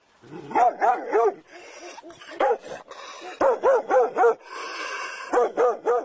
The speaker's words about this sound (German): Da war er auch schon, der bissige Hund, und als ich mich dem Haus gegenüber zuwandte, merkte ich nicht, dass er durch eine offene Gartenpforte schlüpfte.